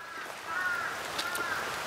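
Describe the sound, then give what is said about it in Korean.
A few harsh caws from crows of Palgongsan ring out at Eunhaesa temple, South Korea, with its pine forest path, over a steady outdoor hiss, with short calls overlapping near the middle and end and no voices. “오늘 은혜사에 들어오니까 막 저 팔공산 까마귀들이 이쪽으로 다 내려왔나 봐. 어서 오라고 막 반기네.”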